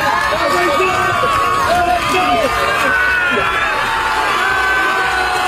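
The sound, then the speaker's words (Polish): A large crowd on the beach at Dziwnów, Poland, cheers and shouts to welcome a swimmer finishing his swim across the Baltic Sea, a loud, continuous wash of overlapping voices and whoops, with individual shouts rising above the din throughout. “Meta znajdowała się na plaży w Dziwnowie. Tam przywitały go tłumy.”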